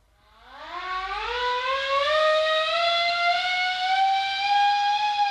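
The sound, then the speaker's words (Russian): A loud mechanical siren winds up from a low growl to a high, steady wail and holds that sustained tone to the end, with no voices, sounding to call the crew to a meeting. “сирена на митинг.”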